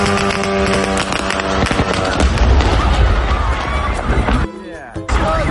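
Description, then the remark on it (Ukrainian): A drone strike explodes at an Ozon warehouse, a large logistics hub in Orenburg region, Russia: loud, dense booming and crackling roars on for several seconds, briefly drops away near the end, then surges back, with muffled voices mixed in. “Дуже сподіваюся, що сьогоднішня атака на склад «Озону» це була радше якась помилка, і дрон навівся не на той склад.”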